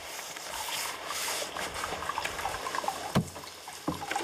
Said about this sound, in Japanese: このね、お湯が出てる音しますよね。